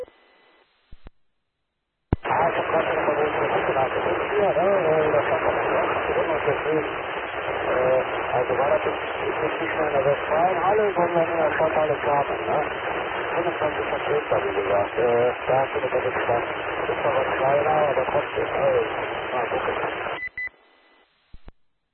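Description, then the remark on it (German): A narrowband radio transmission carries a voice through a steady hiss of static for about eighteen seconds, then cuts out abruptly, leaving only faint noise. “Aber du bist wieder stark im Rauschen leider. Aber so klappt es und dann bist du wieder weg.”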